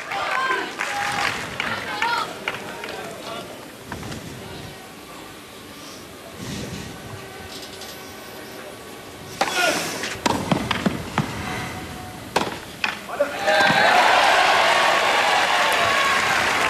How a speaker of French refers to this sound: Et le joueur italien a applaudi.